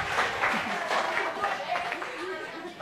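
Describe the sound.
A burst of steady group applause, dense, continuous clapping holding level for a few seconds, with some voices calling out over it before it begins to thin.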